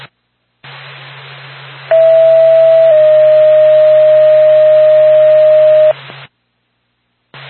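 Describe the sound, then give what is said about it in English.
A Lancaster Ambulance dispatch alert tone sounds over radio static: a loud, steady pitched tone holds about a second, then drops to a slightly lower pitch for three more seconds before the hiss cuts out. “Stand by for tone.”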